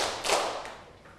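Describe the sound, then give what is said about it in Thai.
Three soft hand claps spaced evenly, a brief sharp slap followed by two fainter ones, with no talking; hand clapping in a counted rhythm as part of a children's class activity. “นั่งตัวตรงปรบมือ1ครั้งปรบมือ1ครั้ง2ครั้ง1ครั้ง2ครั้ง3ครั้ง”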